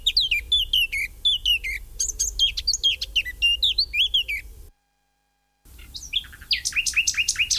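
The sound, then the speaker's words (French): A Eurasian blackcap sings in rapid, bright warbling phrases, broken by a brief silent pause before a final burst of clear, repeated fluty notes over a faint low rumble. “L'oiseau numéro 8, c'est la fauvette à tête noire, c'est l'oiseau qu'on entend le plus chanter en ce moment, donc qui est sédentaire.”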